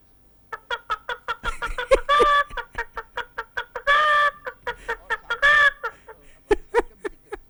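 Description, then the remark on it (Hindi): A person imitates the cackle a hen makes after laying an egg: a rapid run of short clucks that breaks three times into longer, drawn-out squawks, loud, with no other talk. “तो फिर अंडा दे लेती है ना, जब अंडा दे लेती है पता कैसे कर दिया?”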